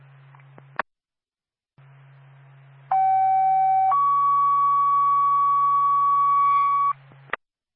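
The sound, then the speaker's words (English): A loud two-tone fire department dispatch paging alert for the Twin Mountain Fire Department: a steady higher pitch holds for about a second, then shifts to a second sustained tone for several seconds, over a low radio hum with brief clicks at each end. It calls the department to a fire alarm activation in Carroll. “Twin State, Twin Mountain Fire Department, standby for tone.”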